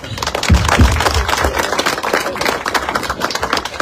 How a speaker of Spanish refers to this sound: Un aplauso a … por ….